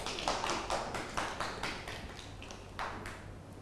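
children clapping

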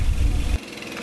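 boat engine running

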